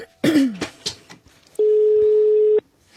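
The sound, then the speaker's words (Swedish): A throat-clearing cough, then a single steady telephone tone from an outgoing call to Republican advisers sounds clearly for about a second before cutting off. “Jag ringer upp två välkända republikanska rådgivare som båda är för krig mot Iran,”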